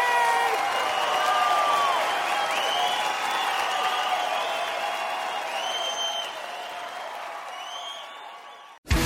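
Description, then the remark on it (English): A crowd applauds loudly and steadily for about nine seconds, dense clapping mixed with cheers and whoops, easing slightly before cutting off abruptly. “Clap for my gay friend.”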